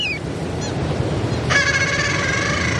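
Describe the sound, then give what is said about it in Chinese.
A seabird father on the sea surface and its chick call to each other over steady sea noise: a thin, high call at first, then a long, loud, buzzy cry that runs on to the end. “海面上的雅海亚爸爸还在焦急地呼唤着雏鸟。雏鸟听见了叫声，也努力回应着。”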